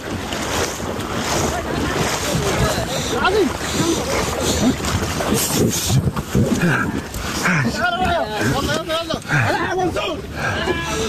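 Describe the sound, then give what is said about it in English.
A boat carrying people is shoved off into the water amid steady splashing, churning surf and wind, with several people shouting throughout. “Push the boat!”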